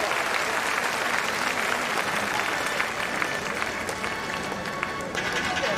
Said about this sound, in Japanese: 第20回アジア競技大会2026愛知名古屋体操競技女子種目別決勝平均台レインボーホールによってアジアチャンピオンを決める戦いが繰り広げられています。会場の皆様、大きな拍手で選手にエールを送ってください。